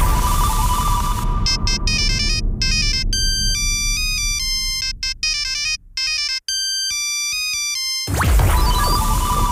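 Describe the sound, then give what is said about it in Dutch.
A downloaded mobile phone ringtone plays a quick, bright electronic melody of beeping synth notes for several seconds, loud and clear with no talking over it. “welke ringtone is dat?”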